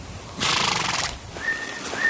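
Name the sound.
horse neighing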